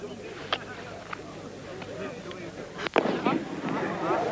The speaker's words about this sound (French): Et une fusée blanche vient de partir du terrain d'aviation. 3 fusées orange partent à l'instant même devant nous.